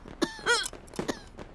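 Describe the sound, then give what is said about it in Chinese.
A few harsh, raspy coughs in quick succession, fairly loud, with a strained, voiced edge and brief pauses between bursts. No speech. “怎么又开始咳嗽了？不是说已经好不少了吗？”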